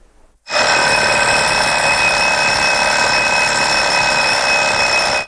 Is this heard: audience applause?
no